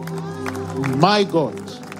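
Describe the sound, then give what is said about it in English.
A visiting group from Hyderabad, India, shouts and calls out together over a steady murmur. Two loud rising yells burst out near the middle before the noise settles back to a continuous din. “Already they are shouting. Their sound is very loud.”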